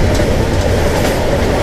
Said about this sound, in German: Also wir fahren mit dem Zug, wir halten in einer großen Stadt, machen dann die Türen auf und dann hört ihr ein Geräusch. Erkennt dieses Geräusch und merkt es euch.